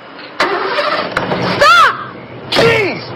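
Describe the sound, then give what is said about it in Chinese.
A car engine cranks and catches as a car is started, settling into a rough rumble, then revs twice in rising-and-falling surges, the second shorter than the first. “他发动了汽车”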